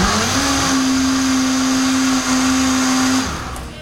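A blender whirs loudly and steadily for about three seconds with a sustained motor hum, blending crepe batter with added milk, then winds down as it's switched off. No talking.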